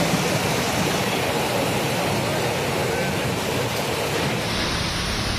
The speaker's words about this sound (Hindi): ये तस्वीर कोलकाता से आई है, जहां दिन में ही अंधेरा छा गया, जोरदार हवाएं चलने लगी और फिर बिजली कड़कने के साथ झमाझम बारिश देखने को मिली।